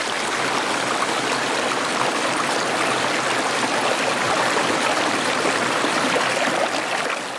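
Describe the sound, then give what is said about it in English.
Purim Creek rushes and babbles steadily, a dense, constant wash of flowing water with no letup and no voices. “the sounds of Purim Creek.”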